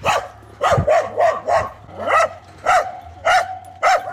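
A pet dog barks loudly and insistently as an ice cream delivery courier arrives, about eight sharp, mid-pitched barks in a steady rhythm, with a low hum underneath and no one speaking.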